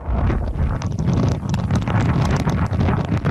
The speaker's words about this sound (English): The weather system is bringing intense winds and torrential rain with it, upending trees, billboards, and disrupting traffic.